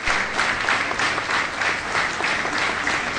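Loud, sustained applause from a large crowd at the funeral of Eugénio Fonseca in Setúbal, Portugal, as his body leaves the Cáritas headquarters for the cemetery of Nossa Senhora da Piedade. The clapping is dense and steady with no break, and no voices stand out above it.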